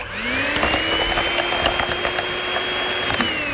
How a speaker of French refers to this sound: Maintenant, on a sélectionné une gamme haute pour notre thé noir. Et on ajoute le poudre de lait. On va le fouetter.